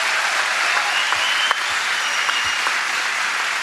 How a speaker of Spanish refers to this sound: Un aplauso más sentido, vamos.